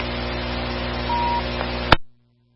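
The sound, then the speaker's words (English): A clothes dryer drones with a steady mechanical rumble as metal wrenches tumble inside its drum, then a single sharp metallic clank rings out near the end before the sound cuts off abruptly to a faint hum. “Wretches packing around in the dryer. Little dents in the drum of the dryer.”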